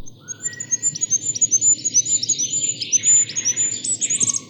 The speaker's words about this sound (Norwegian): Men en fuglekonge!